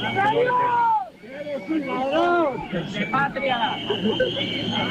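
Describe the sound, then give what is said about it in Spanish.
A crowd waiting for a parade to begin boos and shouts insults at the president of the government, many raised voices overlapping loudly and continuously, with one brief dip in the din before the jeering swells again. “Insultos y abucheos desde la gente que está allí esperando a que comience el desfile”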